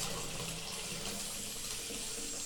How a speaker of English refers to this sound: In the meantime, this bathtub is getting pretty full. I better turn the water off.